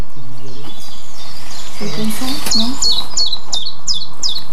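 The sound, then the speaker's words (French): A tiny hedge bird of about 5-6 grams sings a steady chip-chap song: high, evenly spaced two-tone notes repeating about twice a second, clear, after some low, hummed voice-like sounds earlier. “Un tout petit oiseau. Qui doit faire 5-6 grammes, pas plus.”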